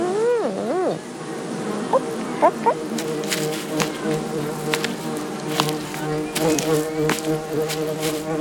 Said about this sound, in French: À l'entrée du parc, il y a des ruches pour les abeilles. Il ne faut pas s'approcher pour ne pas se faire piquer.